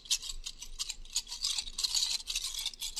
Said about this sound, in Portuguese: Muito bem, chacoalhando aqui as tampinhas